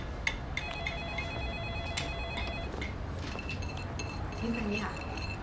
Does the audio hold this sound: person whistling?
no